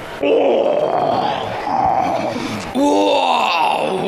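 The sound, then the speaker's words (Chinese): A man's voice imitates a tiger's roar, giving two long, loud, strained roaring calls with a brief dip between them, harsh and throaty with a rising-then-falling pitch. “好嘞，来，先一声虎叫，我再出来啊。”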